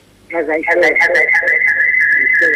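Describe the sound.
A radio plays in the background of a phone line, a steady high whistling tone ringing over muffled, garbled voices that start abruptly and stay loud throughout.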